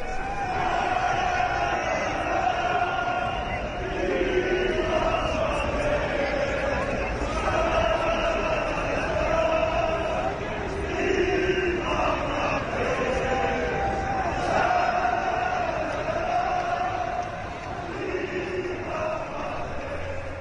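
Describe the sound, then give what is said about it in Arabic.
A large crowd of Moroccan fans cheers and chants in celebration after Morocco's victory over Scotland, a dense, sustained wall of voices with rhythmic rising shouts repeating every few seconds, loud and continuous throughout. “شاهد هذه الأجواء مشاهدينا الأعزاء لفرحة جماهير المغرب بعد انتصار أمام اسكتلندا.”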